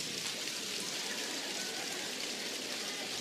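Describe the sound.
Three-finger clapping from many hands merges into a dense, steady patter that closely imitates the most intense rainfall, continuous and fairly loud with no voices over it.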